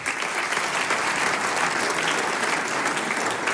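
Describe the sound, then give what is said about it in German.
Steady applause from an audience as the mayor of Fronleiten, Magister Johannes Wagner, is called onto the stage at an anniversary celebration in the Volkshaus Fronleiten; a dense, even patter of many hands clapping with no voices breaking through. “Jetzt darf ich den Hausherrn mit Applaus auf die Bühne bitten, den Herrn Bürgermeister von Fronleiten, Magister Johannes Wagner.”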